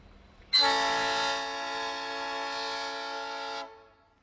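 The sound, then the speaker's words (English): A loud, steady blast from the horns of a rail motor and a locomotive on an ore train sounds for about three seconds, a rich chord-like tone that starts abruptly and cuts off cleanly, with no talking. “That's the rail motor talking to the big engine.”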